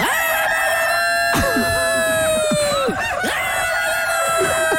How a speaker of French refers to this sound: Si le coq pouvait parler, qu'est-ce qu'il dirait? Oh putain, 4h30.